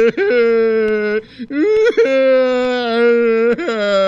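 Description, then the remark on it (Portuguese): A man who has just been arrested whimpers and cries in long, wavering, high-pitched wails, loud, with a couple of brief catches of breath between drawn-out sobbing moans. “Vai curtir o seu choro na cadeia, seu patife.”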